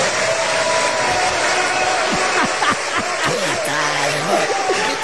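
A crowd in Mexico breaks into steady applause for Andrés Manuel López Obrador, dense clapping at a strong, even level, with a few murmuring voices and some laughter mixed in beneath it.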